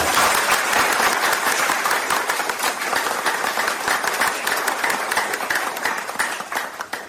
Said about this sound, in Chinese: 我们再次感谢市长对我们其他所有同仁在各方面努力给我们的支持，给我们大家以热烈的掌声，再次感谢市长。